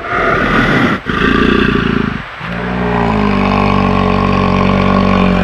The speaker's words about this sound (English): You know, sometimes if you've seen videos of interactions between bears, they'll do this thing called jawing, where they're kind of interacting directly with one another and they'll kind of roar almost. It's, you know, it's kind of like a roar.